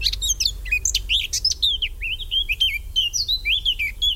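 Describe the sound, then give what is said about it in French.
Common swifts calling: a rapid run of shrill, high-pitched screeching chirps that overlap and repeat without pause, over a steady low rumble in the background. “Le martinet noir n'y échappe pas, il est arrivé au mois de mai ou avril-mai, il repartira dès le mois de juillet en Afrique.”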